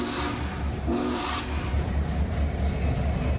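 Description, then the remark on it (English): A Union Pacific train rumbles steadily past on the tracks, a loud, continuous low roar with clattering and hissing layered over it, without any voices. “The train still has several more whistle stops along the Union Pacific route, traveling along the path of the Platte River into Grand Island, then up toward Columbus.”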